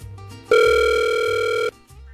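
A single loud ringback tone from an outgoing phone call to a giveaway winner: a steady, electronic buzzing pitch holding for just over a second, with a low hum before and after it.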